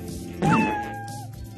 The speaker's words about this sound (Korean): 우리가 찾던 울음소리의 주인공을 찾았어. 울음소리의 주인공은 고양이였구나. 고양이.